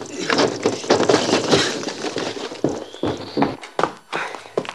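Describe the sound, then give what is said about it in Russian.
Quick, heavy footsteps of someone opening a door and running into a house, a rapid series of thudding steps that slow into a few scattered, louder knocks and shuffles near the end. “Открывает дверь, вбегает в дом.”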